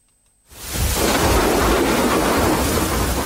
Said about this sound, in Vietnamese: Đầu mùa mưa, những trận dông kèm sấm chớp rền vang trên nền trời biên giới Esup tỉnh Đắk Lắk.